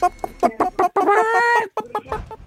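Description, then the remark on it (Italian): Padovana breed hens cluck in a quick series of short calls, broken by one longer, drawn-out squawk in the middle, then more choppy clucking. No one is talking. “Galline?”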